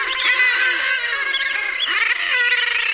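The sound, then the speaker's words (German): A dense, continuous chorus of shrill seabird chicks peeping loudly at the foot of the Helgoland cliffs, after jumping down and heading for the sea, with lower, harsher croaking calls from their parents mixed through it and no talking. “Sie piepen dort ganz laut und die Eltern krächzen auch.”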